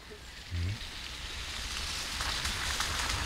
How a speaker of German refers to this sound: Es regnet, wie schon an den vergangenen Tagen.